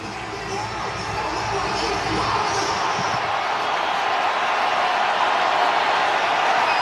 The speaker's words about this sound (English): And that'll set up fourth and goal. Fourth in the game. At the four with 11 seconds remaining. Crowd's on their feet,